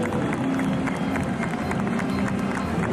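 A large crowd in the Plaza de la Virgen Blanca applauds steadily as people carrying open umbrellas appear to cross the square, many hands clapping into a dense, continuous wash of sound that stays loud and even throughout, with faint voices mixed into the noise.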